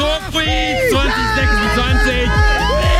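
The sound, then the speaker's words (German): A large concert crowd screams and cheers loudly and continuously, with many high-pitched voices overlapping in a dense, excited roar that never lets up for the whole moment. “Und Leute, ihr wisst es noch nicht, aber da werdet ihr exakt so schreien.”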